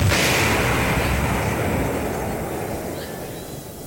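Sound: explosions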